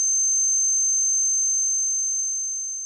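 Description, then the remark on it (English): A piercing, high-pitched tinnitus ringing holds one steady, unwavering pitch for about three seconds, loud and alone with no other sound, easing off just slightly at the very end. “Sometimes I can ignore the ringing.”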